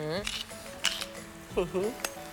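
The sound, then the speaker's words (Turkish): Cream with garlic, black pepper and a whole basil leaf simmers and softly sizzles in a pan as it cooks until thickened, with a steady low hiss, while a few utensil clinks and a stirring scrape come through and people talk over the cooking. “Kremamızı böyle koyulaşana kadar pişiriyoruz, değil mi?”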